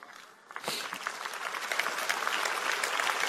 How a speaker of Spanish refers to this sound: Vamos, si le vas a dar un aplauso a él, dáselo fuerte.